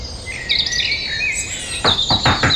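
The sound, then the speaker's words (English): Several birds sing at once in a dawn chorus: overlapping high, bright whistles and chirps, with soft rustling bursts in the last second and no voices. “I'm guessing Dawn Chorus.”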